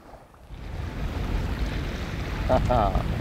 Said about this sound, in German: Und jetzt nur die Natur, ohne Motorgeräusche. Das Wasser pur genießen.